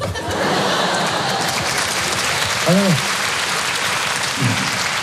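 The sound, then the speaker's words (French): Steady audience applause fills the whole stretch, a dense wash of clapping at an even level, with a brief voiced cheer or shout rising out of the crowd midway and another short one near the end. “Si vous applaudissez à quoi ça sert, on va passer une soirée exceptionnelle, faites-moi confiance.”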